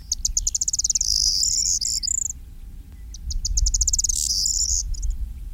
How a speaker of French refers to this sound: mais il y a un autre bruant qui est bien commun dans notre région, et notamment sur les milieux agricoles, qui se maintient relativement bien, c'est le bruant proyé.